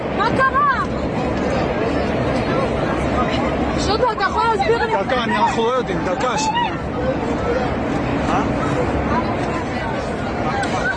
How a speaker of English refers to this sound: After, it seems, the co-pilot stabbed the pilot and attempted to crash the plane. Well, the panic on board could be heard in videos filmed by passengers.